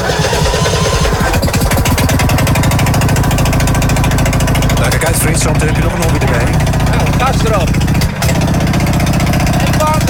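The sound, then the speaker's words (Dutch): A small racing lawn mower engine with five forward gears runs loud and steady, just started and warming up, with a rapid, rattling putter as it idles, its pitch wavering slightly. People talk over the engine noise. “Eerst warm draaien, dat is jammer, dat is jammer. Dat is wel belangrijk voor de motor, hè?”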